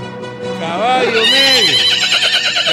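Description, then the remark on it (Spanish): A single loud whinny from a black horse, clear, its pitch climbing then wavering and dropping in a long shaky neigh lasting a couple of seconds. “Caballo negro, el candidato, montado por el candidato de El Corazón.”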